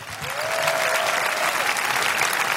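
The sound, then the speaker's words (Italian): Steady audience applause at an evening concert in Italy, the group's first performance there: a dense wash of many hands clapping at an even, loud level for a few seconds, with a faint whistle-like tone gliding briefly through it. “Questo vale un applauso, un'esclusiva.”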